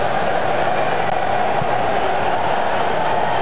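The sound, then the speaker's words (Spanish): A stadium crowd in Monterrey keeps up a steady, dense roar of applause and cheering during a football match between Japan and Tunisia, continuous throughout, with a faint voice mixed into the din. “Para ganar aplausos más todavía de los que ya tienen Monterrey.”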